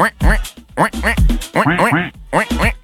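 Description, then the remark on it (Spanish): A person imitates a duck with a rapid series of loud, nasal quacks, about eight or nine in bursts of two or three, with no other sound. “Y la niñita le dice a la mamá: mamá, ¿quién imita también a los patos?”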